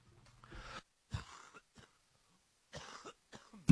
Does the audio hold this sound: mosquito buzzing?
no